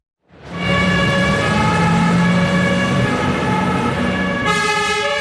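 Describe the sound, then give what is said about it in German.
Fire engines of the Lucerne fire brigade pull out of the fire station in the afternoon on an alarm call, sirens blaring, several loud overlapping horn tones holding steady over a rumbling engine, with a second siren pattern cutting in near the end. “Gerade mehrere Fahrzeuge rücken wegen einem Alarm aus zum Einsatz, zu einem von gut 1400 pro Jahr.”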